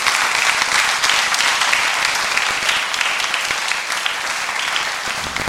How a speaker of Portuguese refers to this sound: Vamos aplaudir a Jesus.